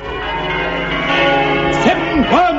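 A dense wash of church bells ringing a change rings out loudly and continuously, overlapping peals blending together, with a brief rising and falling cry near the end.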